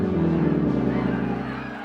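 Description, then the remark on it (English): A crowd murmurs in a dense, continuous babble of many voices with an angry edge, holding steady before easing off slightly near the end, over a low droning hum. “Listen to the crowd.”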